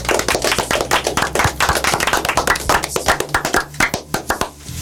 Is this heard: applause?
yes